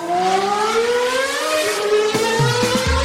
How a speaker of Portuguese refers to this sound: Vocês ouviram aí, né? O barulhinho de carro passando. Isso significa que a gente tem atualização aqui na Fórmula 1.